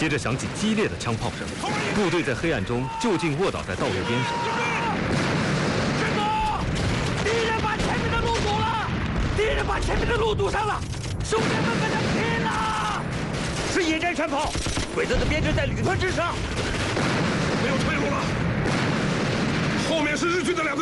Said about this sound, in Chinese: 接着响起激烈的枪炮声，部队在黑暗中就近卧倒在道路边上。